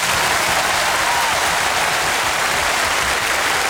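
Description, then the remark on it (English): Sustained applause from a crowd, a dense, even wash of clapping that holds steady and loud throughout with no voices breaking through. “You deserve every bit of that applause.”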